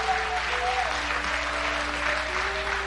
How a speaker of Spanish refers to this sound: Den un aplauso al Dios Todopoderoso.